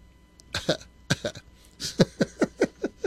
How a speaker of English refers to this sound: I think I should have got a drink of water before I came on. I feel like I'm going to cough.